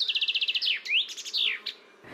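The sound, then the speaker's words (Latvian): A common chaffinch sings its full song alone: a rapid run of repeated bright chirps that accelerates into a descending flourish, finishing with a sharp terminal note. Clear. “Dziesmiņa ir tāds strēlītis ar tādu kā punktiņu beigās vai komatiņu beigās.”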